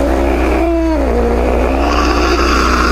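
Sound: cat purring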